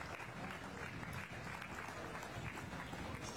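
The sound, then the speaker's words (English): Sustained applause from an audience at a livestock show for a class of calves, a dense, steady patter of many hands clapping at an even level for a few seconds with no voices standing out. “Let's give all these a round of applause and we'll bring these four back for the overall champion.”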